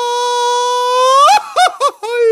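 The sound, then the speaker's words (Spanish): A single voice gives a mariachi-style grito, holding a long, steady high yell that climbs and then breaks into quick, warbling yips. Loud, with no talking around it. “te sale el grito de mariachi?”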